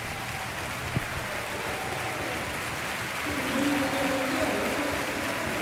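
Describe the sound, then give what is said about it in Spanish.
A stadium crowd gives a sustained ovation to player Brian Cipenga, number 17, as he is substituted off for Alex Sola, number 20; a steady wash of applause and cheering that swells slightly partway through, with no voices speaking over it. “Ahí escuchamos la ovación a Brian Cipenga, que se va pues complementamente ovacionado.”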